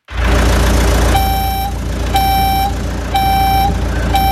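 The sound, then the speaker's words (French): A large moving truck's engine rumbles steadily while a loud reversing alarm beeps in a regular pattern, four long tones about one second apart, with no one speaking. “Le camion de déménagement est là.”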